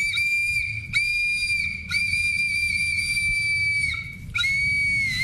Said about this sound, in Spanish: me trajo mi trompetita, que para todos los mexicanos, que por lo menos los que nos creamos acá y vivimos acá, sabemos de esto.